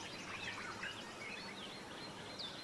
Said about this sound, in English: It's at the very top of these tall trees, in the canopy, that flowers and fruit grow, attracting the many birds that come to warm themselves in the morning sun, like these white-eared barbets.